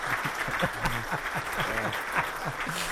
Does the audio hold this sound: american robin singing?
no